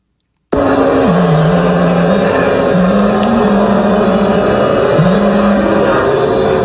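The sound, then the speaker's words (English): Thousands of people in Bryant Park, New York, boo loudly and without pause, a dense, low, droning roar of many voices with a wavering pitch that rises and sinks over several seconds. “That's thousands of people in Bryant Park booing.”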